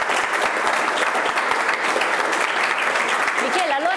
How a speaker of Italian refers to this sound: qui l'applauso ci sta veramente bene.